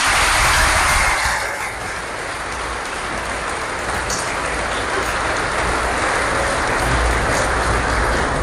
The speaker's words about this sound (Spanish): La Virgen del Rosario. ¡Un aplauso a la Virgen!